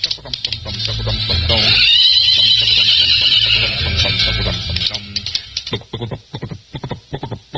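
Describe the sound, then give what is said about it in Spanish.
A horse neighs loudly, a shrill, quavering whinny lasting a few seconds, then people start talking once it fades. “Ya llegó el ingeniero. Buen caballo.”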